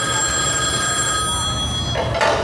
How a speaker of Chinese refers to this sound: 您电话